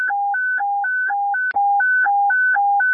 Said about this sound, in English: Evacuation tones for anyone on the one over eastbound.